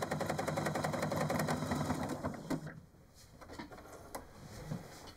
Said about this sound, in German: Nur ihre Nähmaschine hört sich heute eher wie ein Traktor an.